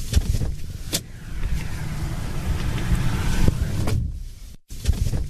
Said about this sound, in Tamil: ஆமாப்பா, அந்த இடத்துல கொஞ்சம் கார் நிப்பாட்டுற இடம் இருக்கு பாருங்க. தாராளமா இருக்கு, நிப்பாட்டு அங்க போய் நிப்பாடு. சரி சரி சரி சரிப்பா, இங்க கார் நிறுத்திடுறேன். நிறுத்துப்பா நிறுத்துப்பா.